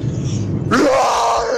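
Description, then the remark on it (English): A caller to the 5FM radio station imitates a roar, starting as a low guttural growl and then bursting into a loud, raspy, open-throated yell that holds strong to the end. “and here is my roar.”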